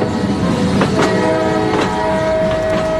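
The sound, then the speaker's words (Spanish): A train rolls steadily along the rails with a loud, continuous rumble, broken by a few irregular clacks of wheels over track joints and a faint sustained whine. It is a 1909 train carrying composer Enrique Granados from Paris toward Cambon-les-Bains across the Pyrenees. “En 1909, Granados lleva 2 días metido en trenes, subiendo y bajando en estaciones desiertas, para llegar desde París hasta el pequeño pueblo de Cambon-les-Bains, o así, en la otra punta de los Pirineos,”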